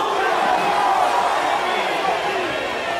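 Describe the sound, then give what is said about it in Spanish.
A large crowd at a religious gathering yells together on a count of three, as loud as they can, in one loud, sustained roar of many overlapping voices, holding steady for the full three seconds with no single voice standing out. “Cuando cuente tres, vas a gritar el grito más fuerte que pueda.”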